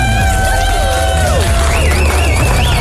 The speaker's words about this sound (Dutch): Ik wil nog even één keer een groot applaus voor onze Artist of the Year female.